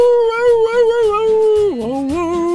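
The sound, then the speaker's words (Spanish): A person imitates a dog's long, sustained howl as if the dog were singing along to a man's song, holding one wavering, sung note that drops lower near the end. It is loud, with no other sounds around it. “Y en la rola que el señor está interpretando, el perrito empieza a hacerle así como si realmente estuviera cantando, como así como así, así le hacía.”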